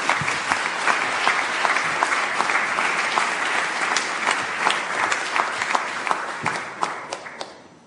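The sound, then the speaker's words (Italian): Sustained applause from an audience at a CNA gathering of women entrepreneurs and delegates, welcoming a speaker: many hands clapping steadily and fairly loudly for several seconds before tapering off toward the end. “Quindi io vi chiedo di accogliere con un caloroso applauso”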